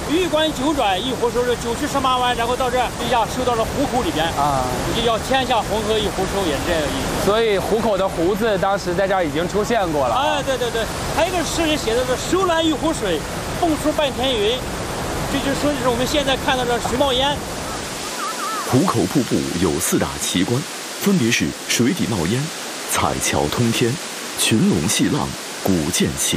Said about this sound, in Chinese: 壶口瀑布有四大奇观，分别是水底冒烟、彩桥通天、群龙戏浪、古涧起雷。